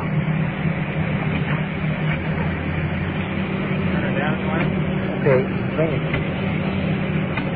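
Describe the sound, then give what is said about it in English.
A rescue truck's engine idles at an emergency scene with a steady, loud low rumble and drone that never lets up, while faint, indistinct voices murmur underneath. “that rescue truck turned down a little bit.”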